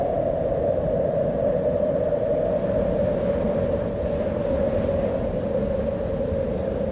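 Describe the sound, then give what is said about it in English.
A wind recording taken from the internet: wind blows in a steady, unbroken roar for about seven seconds, a deep rumbling rush with a hollow mid-pitched howl running through it and no voices. “That's not the Barkly Breeze. I just stole that off the internet, but you know what I'm talking about.”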